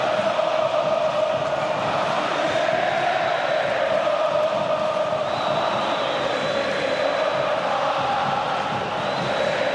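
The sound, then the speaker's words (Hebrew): A large stadium crowd in Be'er Sheva cheers a 4-2 home victory in a steady, dense roar that holds at an even, loud level for the whole stretch, with no single voice standing out. “והעיר באר שבע צהלה ושמחה.”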